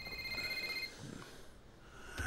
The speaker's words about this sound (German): Wie dein Handy klingelt.